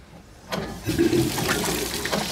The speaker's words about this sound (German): Fließend Wasser.